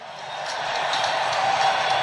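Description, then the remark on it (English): A large hockey arena crowd roars and cheers steadily during a playoff game between the San Jose Sharks and the Phoenix Coyotes in the second period, a dense wash of voices that holds and swells slightly over the whole two seconds with no single voice standing out. “The crowd is still intense, but the game is turned in the second period in favor of the visitors.”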